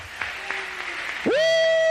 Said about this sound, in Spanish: Ahora, para que ella pueda testificar de las grandezas, dale un aplauso a Cristo, que él es bueno, él es bueno, él es bueno.